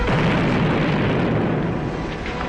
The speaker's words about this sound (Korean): 수류탄 폭발로 검은 연기가 솟구쳐 올랐다.